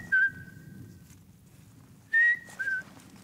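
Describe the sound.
Someone whistles an imitation of a pygmy owl's call to lure one, in the Sauerland forests: three short, steady, clear toots at one pitch, a lone note followed after a pause by a quick pair, over a low rumbling background.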